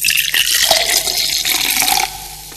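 A cold fizzy drink bubbles and hisses steadily for about two seconds, a bright liquid sound, then the fizzing thins out and quiets at the end. No one speaks.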